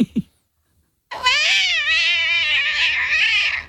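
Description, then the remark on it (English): After a brief pause, a person's voice imitates a cat slipping over and falling down the stairs with a long, loud, wavering yowl that holds for a few seconds, rising and dipping in pitch before trailing off. “What about a cat that slips over and falls down the stairs?”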